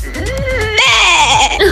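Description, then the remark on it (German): A human voice in a listener's voice message from NRW, Germany, mimics a sheep's bleat: a wavering, nasal "baa" with a trembling pitch that rises sharply partway through, loud and alone. “Oder so ein Schaf.”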